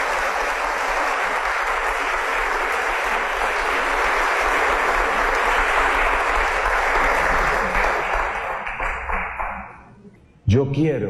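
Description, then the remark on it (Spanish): Sustained crowd applause for the victory of Jesus Christ, dense and steady for about nine seconds, then thinning into scattered claps and fading out, followed by a brief burst of voice or music. “Y esa victoria de Jesucristo, a mí me parece que es así que merece un aplauso.”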